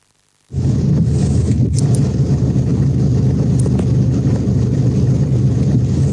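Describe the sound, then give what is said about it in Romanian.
A car engine rumbles, loud and steady, with a continuous churning, hissing wash as cars drive with difficulty through streets flooded by bad weather, on Meșterul Manole street in the Ciocana sector. It starts abruptly after a brief silence and holds throughout, with no voices. “În imaginele plasate de internaut se vede cum străzile s-au transformat în râuri, iar mașinile circulă cu dificultate prin șuvoaiele de apă.”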